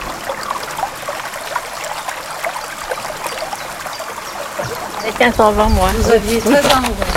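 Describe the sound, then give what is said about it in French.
Steady rushing of canal water pouring into a river near the silk factory at Monépia, in the commune of Vernou, on a sunny afternoon, a continuous wash of noise, with a voice briefly speaking over it near the end. “Nous avions sorti une table près de la rivière et on entendait l'eau du canal qui s'y jetait, ainsi que les oiseaux.”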